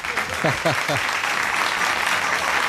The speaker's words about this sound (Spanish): Bueno... A ver. No aplaudáis, hostia. Aplauden, que me joda a mí, ¿no? Tienes que aplaudirle siempre a él.